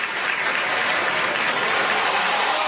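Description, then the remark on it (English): A big stadium crowd at a Mississippi State versus Georgia baseball game roars and cheers wildly after a pitch clock violation, a dense, steady wall of noise mixed with clapping that holds loud and unbroken from start to finish. “The State crowd just went wild on that one.”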